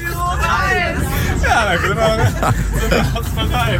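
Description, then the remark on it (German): Busy chatter of many overlapping voices fills a moving bus carrying a group to a radio awards event, with a steady low engine rumble underneath and occasional laughter breaking through the hubbub. “Also wir sitzen nicht im Zug, der rollt, wir sitzen im Bus, der rollt.”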